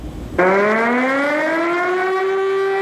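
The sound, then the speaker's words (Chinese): An air raid siren begins abruptly and wails steadily, its rich harmonic tone slowly rising in pitch, loud and sustained with no voices present, sounding at a military barracks in China during a commemoration of the September 18 Incident as officers and soldiers stand solemnly in silent tribute to martyrs. “在座座军营，官兵在长鸣的防空警报声中庄严肃立，为烈士缅怀默哀。”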